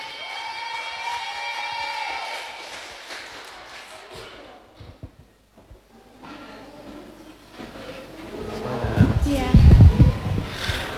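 Audience applause for performer number 22, building after a short lull, a dense wash of clapping mixed with heavy low thumps that grows louder toward the end. Tonal, music-like sounds come before it.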